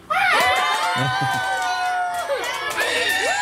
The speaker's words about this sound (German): Und jetzt dürfen einmal alle ganz laut sein, damit man hört, wie viele ihr seid. Okay? Einmal auf drei, schreien, klatschen, schreien, was auch immer. Eins, zwei, drei.